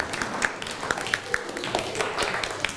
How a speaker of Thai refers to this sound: นั่งลงได้ครับปรบมือให้กับเพื่อน